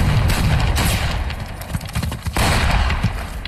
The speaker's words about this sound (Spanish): Y aquí, en medio de los disparos, en una avanzada de las fuerzas norteamericanas, en este elenco también aparecía el señor Luke Skywalker, sí, el mismísimo Mark Hamill, que aquí interpretaba al soldado Griff